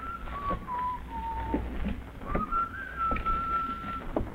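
A man whistles a slow tune in two long, sustained phrases, the notes gliding gently up and down, clear over a low background rumble.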